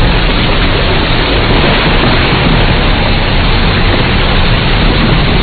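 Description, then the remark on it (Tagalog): Heavy rain pours down in a steady, dense roar, a constant loud hiss with a low rumbling undertone and no distinct thunderclaps or voices. “Ang lakas ng kidlat at kulob, umulan na.”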